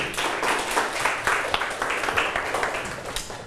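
Steady applause from a crowd, many hands clapping in a dense, continuous patter with a few sharper individual claps standing out, fairly loud throughout and no one speaking.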